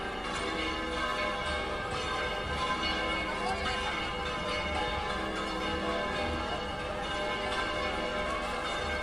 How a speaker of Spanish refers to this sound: Siguen tocando las campanas.